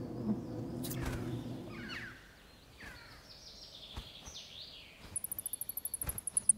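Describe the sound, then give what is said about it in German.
Shrill, rapid squeaks of noctule bats on the ceiling of a tree hollow rise up near the end, a quick regular chatter of high pulses, after quieter scratchy chirps and a low rumble. “Und in dieser Unterkunft machen die Abendsegler an der Decke unmissverständlich klar, dass sie als Fledermäuse keine WG mit Vögeln”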